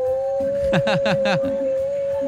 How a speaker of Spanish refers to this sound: Mira ese lobo tremendo, ese lobo, pero lobo conocedora.